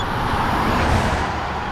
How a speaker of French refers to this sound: Ouf! Les roues de la voiture sont passées à seulement quelques centimètres du hérisson.